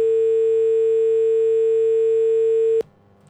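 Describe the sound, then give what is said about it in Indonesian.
A steady, continuous telephone dial tone hums loudly for nearly three seconds after a listener's phone call to the radio station RRI Sampang Pro 1 disconnects, then cuts off abruptly, leaving faint background noise. “Wah, terputus ya.”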